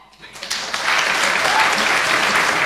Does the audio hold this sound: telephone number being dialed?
no